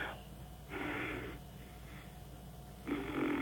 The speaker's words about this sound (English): I love when you're just breathing there, and it sounds like you're tooting. I love that. I love it.